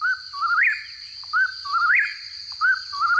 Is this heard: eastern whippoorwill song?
yes